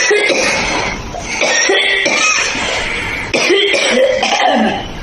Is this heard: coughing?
yes